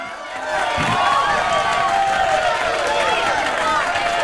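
A crowd cheers and applauds steadily for about four seconds, with high excited screams and whoops riding over a dense wash of clapping, loud from start to finish.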